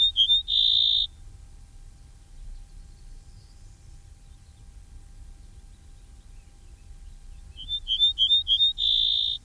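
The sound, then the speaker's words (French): An ortolan bunting, the bird heard just outside Tournon, sings two short phrases, each a quick run of clear, high, repeated notes ending in a longer sustained whistle, separated by a pause over a low, steady background rumble. “Si Christophe écoute cette émission, il va être surpris d'entendre l'ortolan dans son jardin.”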